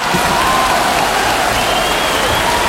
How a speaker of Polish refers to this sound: Dobra, jeszcze raz te brawa.